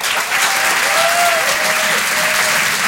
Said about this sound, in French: Faites du bruit pour Christine Bérou.